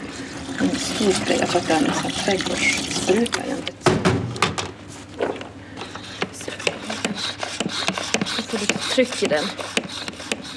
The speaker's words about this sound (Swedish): Så det här är rå umbra. Det är min absoluta favorittreat. Den blir så fin smuts. Man kan använda den till allt om man vill smutsa ner någonting. Det häller jag ner i en spray.